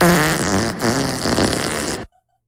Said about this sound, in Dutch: Hoe klinkt. Klinkt de scheet? Nou, daar gaan we hoor.